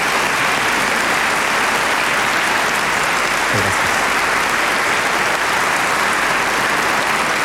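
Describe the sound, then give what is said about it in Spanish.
A large audience in Chile claps steadily for the institutions that lead the nation, a dense, even wash of applause that holds its level throughout with no voices breaking through. “Y por eso quiero pedirle a todos un gran aplauso para las distintas instituciones que dirigen nuestra nación.”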